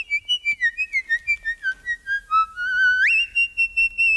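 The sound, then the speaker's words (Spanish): A shrill, very high-pitched whistle-like tone wavers and glides downward over several seconds, then jumps sharply upward near the end, with a faint rhythmic thumping beneath it and no voices. “Que eso puede parecer mucho pues el silbido, ¿no?”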